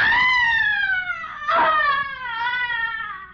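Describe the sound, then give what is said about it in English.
A loud, drawn-out, high-pitched shriek of frustration and anguish wails on for several seconds, sliding slightly in pitch with a brief catch midway, heard alone, coming from another part of an old-fashioned house in a lonely section of New York City. “A young man has just entered the darkened interior, and as he moves across the room, he hears a sudden, blood-curdling shriek of frustration and anguish coming from another part of the house.”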